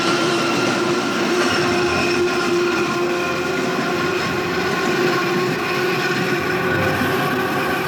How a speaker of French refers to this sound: monte sur le toit d'une rame du métro aérien parisien, lancée sur le pont de Bir Hakeim à 70 km/h.